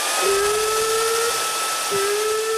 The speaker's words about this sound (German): Habt ihr einen Föhn? Haben wir.